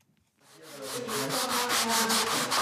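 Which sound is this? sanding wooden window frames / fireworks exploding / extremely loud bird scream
sanding wooden window frames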